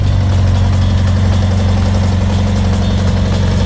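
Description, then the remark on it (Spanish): A Volkswagen Beetle (Volkswagen Sedán, known in Mexico as the bochito), a small, rounded car, idles with a steady, low, throbbing rumble and a rhythmic mechanical chug, loud and continuous with no voices. “Ese coche pequeño, redondito, que suena diferente y que, sin importar la edad, todos o la gran mayoría reconocemos al instante.”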